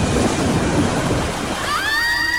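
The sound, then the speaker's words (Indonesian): Loud, continuous rushing of surging, rising ocean waves rolling over two ships, with a high, wavering whistling tone rising over the churning water near the end. “Ombak semakin tinggi.”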